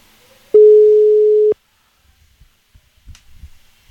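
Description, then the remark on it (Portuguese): A phone's busy tone after a dropped call: one loud, steady beep lasting about a second, followed by faint clicks and bumps of the handset being handled. “Peraí que caiu a ligação.”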